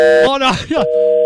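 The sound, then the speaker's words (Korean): A short burst of voices gives way to a steady, flat telephone tone after the call disconnects. The tone holds for under half a second at moderate loudness, then cuts off. “전화를 먼저 끊어.”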